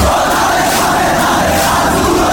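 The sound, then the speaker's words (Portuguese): A dense roar of a stadium crowd shouting and cheering together, steady and loud throughout, with a broad wash of many voices blending into one continuous din. “O grito do nosso torcedor será fundamental.”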